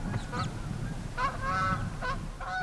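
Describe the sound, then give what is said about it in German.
Brent geese on Amrum in spring give a string of short, throaty honks, several calls overlapping in quick uneven bursts over a steady low rumble, with no talking. “Doch das nächste Problem ist schon da. Ringelgänse.”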